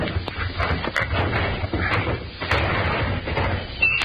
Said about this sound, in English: Now, let's see. Locked. Hand me that poker from the fireplace. All right. Thanks. We'll pry the drawer open.